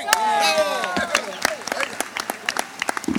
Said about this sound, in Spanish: Fuerte ese aplauso a estas voces verseadoras.